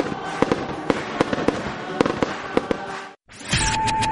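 Canada Day fireworks at the Kin Centre in Miramichi pop and crackle in rapid, irregular bursts over a steady rumbling wash, fairly loud, then cut to a brief silence before a different noisy sound begins.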